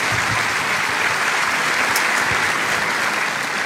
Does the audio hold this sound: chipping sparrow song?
no